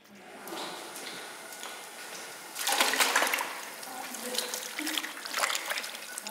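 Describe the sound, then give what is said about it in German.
Strips cut from cheese mass slip into water of at least 70 degrees Celsius to melt together, with a steady liquid trickle, swelling into a fuller, splashy sloshing partway through, then continuing with intermittent soft splashes. No one speaks. “Die kommen dann in mindestens 70 Grad heißes Wasser.”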